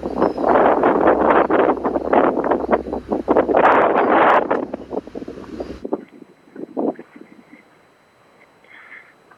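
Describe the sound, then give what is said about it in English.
Strong, gusty wind outdoors by a palm tree buffets the microphone with loud rumbling roars for several seconds, then drops abruptly to a much quieter, softer rustle with occasional faint gusts. “I'm actually kind of hiding now behind a palm tree to get out of the wind. It's quite incessant.”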